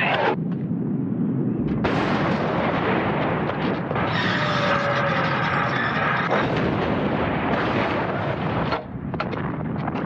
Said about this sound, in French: Un canon de 75, ça peut tirer 20 obus par minute. Il faut se représenter ces canons par milliers, placés tous les 12 mètres sur un front de 50 km, projetant les obus 8 jours durant.